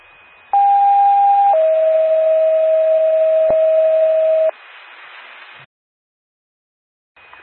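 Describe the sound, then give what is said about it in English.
Two loud, steady electronic paging tones play back to back: a higher pitched tone lasting about a second, then a slightly lower tone held for three seconds, over a faint radio hiss, sounded as a test of the Coupon County 911 paging system. “This is a test of the Coupon County 911 paging system.”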